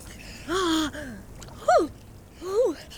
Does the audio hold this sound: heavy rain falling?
no